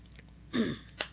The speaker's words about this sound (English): I'm going to take a quick sip of water here right now, if you don't mind.